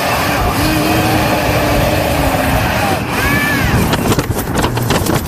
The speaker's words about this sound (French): Vous avez vu ces trucs ? La livraison par drone ?